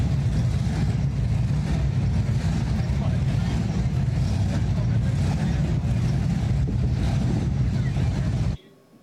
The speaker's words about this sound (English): Sounds of engines revving throughout Kearney yesterday as the show and shine took over the bricks during the afternoon hours, and the classic hot rods were moseying up and down 2nd Avenue into the late night hours.